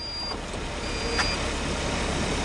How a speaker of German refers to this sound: Die Türen schließen sich, alle schnallen sich an und das Auto, vollgepackt mit Elektronik und Sensoren auf dem Dach, fährt von alleine los. Die Testfahrt am Dienstag war die erste in Deutschland unter sogenannten Level 4 Bedingungen.